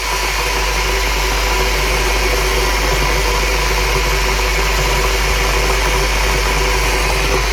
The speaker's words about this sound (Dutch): De waterkoker voor een vers bakje koffie. Of een kopje thee.